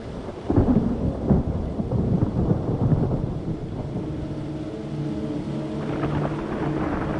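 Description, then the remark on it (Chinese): A thunderstorm in the mountains during the season of frequent thunderstorms: a deep, rolling rumble of thunder swells early and fades slowly, with steady rain hissing throughout. No one speaks. “山地又迎来了雷雨频发的季节。”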